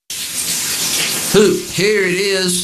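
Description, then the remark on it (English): Steady hiss of shower water runs throughout, and partway in a man's voice starts singing in the shower over the spray. “sings in the shower because great fashion, like great music, needs echo.”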